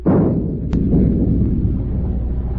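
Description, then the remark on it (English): A ship's forward gun fires a single heavy shot across a fishing boat's bow with a sharp crack, then a deep, rolling boom rumbles on and fades slowly over a couple of seconds. No voices are heard. “Stand by to open fire. Aye, aye, sir. Forward's gun loaded. Fire a shot across her bow.”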